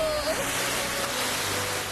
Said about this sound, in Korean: 파도도 엄청 많이 쳤다고요.